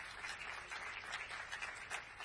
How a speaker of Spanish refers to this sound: Señoras y señores, agradecemos y despedimos al señor presidente de la Nación con este aplauso.